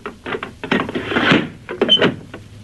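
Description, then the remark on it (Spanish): A door is pushed shut with a scraping, rattling thud, followed by a few quick metallic clicks as a key is turned twice in the lock, with no talking. “Nos cerró la puerta. No te preocupes.”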